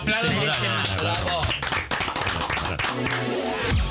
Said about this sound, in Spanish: así que otro aplauso más